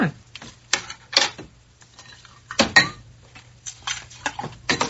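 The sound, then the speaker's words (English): Drinks being mixed: irregular clinks and clatters of glassware, some with a brief bright ring, spread over a few seconds above a steady low hum, with no talking. “I mixed up some drinks.”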